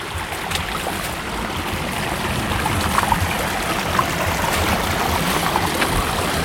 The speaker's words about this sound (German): Eine kleine Au, kann man vielleicht sagen. Wo es flacher ist, denkt man natürlich, super. Einfacher zum Gehen, aber das stimmt gar nicht. Ne? Weil wenn der Bach wenig Gefälle hat, dann ist er tiefer.